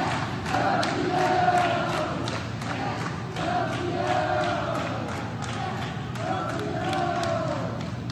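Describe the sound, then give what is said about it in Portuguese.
About 30 staff of Hospital Samaritano Barra in Rio de Janeiro applaud and cheer steadily as coach Parreira leaves the hospital in a wheelchair, with scattered claps and excited shouts and cheers rising over a busy crowd murmur, sustained throughout. “Na saída, Parreira foi aplaudido pelos funcionários do hospital.”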